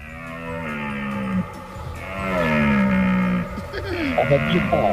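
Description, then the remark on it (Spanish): A red deer stag bellows during the rut in long, deep, groaning roars. Two or three drawn-out calls rise and fall in pitch with a rough, harmonic tone, loud and continuous with no talking. “Yo creo que es la berrea del ciervo.”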